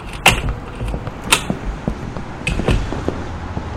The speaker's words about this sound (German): Die Tür ist offen.